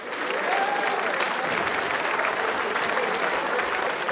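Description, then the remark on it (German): Sustained applause from a sizable crowd for the Gottauer Stummhocker, a men's group from Gottau, fills the whole stretch, a dense, steady wash of clapping at even loudness with a faint whistle or cheer rising briefly near the start. “Applaus für die Gottauer Stummhocker.”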